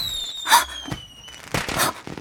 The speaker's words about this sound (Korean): 뭐야? 폭죽놀이 하나 본데? 미친 거 아니야? 세상이 망했는데 웬 폭죽?